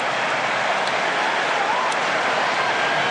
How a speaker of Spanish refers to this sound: Cambios, se va Lautaro, entra Julián. Aplausos para los dos, para el toro que sale, para Julián que entra y se va Thiago Almada e ingresa Nico González.